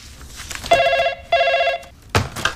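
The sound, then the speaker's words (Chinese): Two long bursts of an electronic telephone ring tone heard while placing an outgoing call, each a steady warbling trill separated by a short pause, fairly loud, followed by a brief rustle or click. “给你妈打电话，让她中午过来吃包子啊。”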